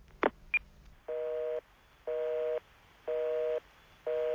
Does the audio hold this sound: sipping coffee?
no